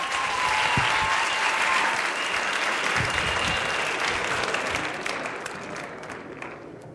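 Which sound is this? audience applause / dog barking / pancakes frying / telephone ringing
audience applause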